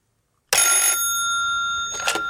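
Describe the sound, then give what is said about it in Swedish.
After a moment of silence, a telephone rings loudly, a bright steady electronic trill that holds for about two seconds and pulses once more near the end: an incoming call from a caller in Njurunda, Norrby, in Medelpad outside Sundsvall. “Hej, och du ringer från Medelpad, eller hur?”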